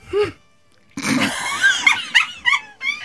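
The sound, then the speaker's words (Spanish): A voice imitates how someone sneezed at a pre-production meeting table: a small, dainty sneeze with a brief high intake, a short pause, then a breathy burst trailing into several squeaky, whiny chirps. Moderately loud, with no other talk. “Yo le voy a mostrar cómo estornudó”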